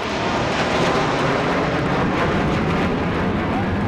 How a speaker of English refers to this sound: Before the race, military bands lined the streets. and military planes thundered overhead.